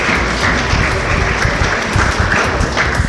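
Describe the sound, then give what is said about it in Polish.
Steady, loud applause from an audience at a scouting (harcerstwo) gala, for recipients of the 'friend of scouting' award: a dense crackle of many hands clapping at once that holds evenly throughout with no voices standing out. “Brawa.”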